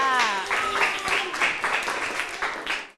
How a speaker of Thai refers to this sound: ขอเสียงปรบมือให้กับกลุ่มที่4ในการแสดงค่ะ